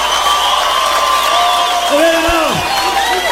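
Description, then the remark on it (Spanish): A large live crowd in Guatemala applauds and cheers in a steady, loud roar, with shouts and whoops rising above the sustained clapping throughout. “¿Qué pasó con los aplausos, Guatemala?”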